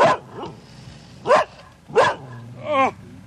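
A dog barks aggressively in loud, harsh bursts, about four or five barks spaced irregularly over a few seconds, as it is set loose on people; no voices.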